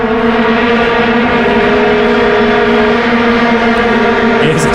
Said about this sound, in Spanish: esto fue en Ciudad del Cabo, en Sudáfrica 2010. El sonido de las vuvuzelas, que... No, no es un avispero. Que es como un avispero, sí, es escuchémoslo.